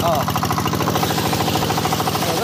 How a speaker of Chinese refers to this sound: 一切准备就绪，发动机启动后，抽水机将海水抽进水管，然后又在海里将泥沙冲洗干净。